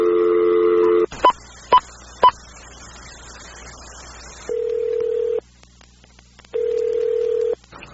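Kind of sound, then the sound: signal or alarm, telephone dialing tones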